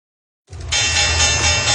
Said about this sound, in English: The opening bell rings this morning as Wall Street ushers in a new trading month.